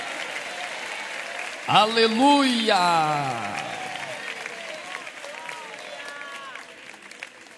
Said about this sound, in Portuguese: Pode tomar o vosso assento, guarde a Bíblia com carinho e pode dar uma linda salva de palmas para Jesus Cristo.